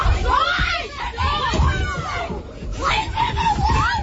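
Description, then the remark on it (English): Several people shout and yell over one another, loud and agitated, including "leave him alone", during a violent street fight in which six or seven teenagers attack a man on the ground; a continuous burst of raised voices with a rough crowd-like din underneath throughout. “Okay, you can hear people shouting and carrying on there, leave him alone, because the victim is surrounded by about six or seven teenagers.”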